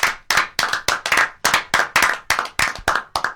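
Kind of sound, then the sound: crowd, round of applause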